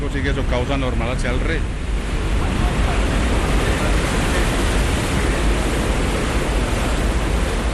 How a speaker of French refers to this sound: Une fois utilisée, l'eau doit être évacuée. Après être passée dans la turbine, elle arrive ici, dans ce bassin de sortie qu'on appelle l'Almenara. Et de là, elle repart naturellement vers la rivière.